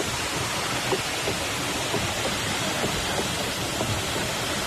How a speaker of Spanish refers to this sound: Esto es un batán, esto está grabado antes de ayer, es el batán. Un batán es un ingenio que golpea, son troncos de madera muy gordos, muy pesados, que golpean la lana, abatanan el tejido para poder usarlo, ¿no?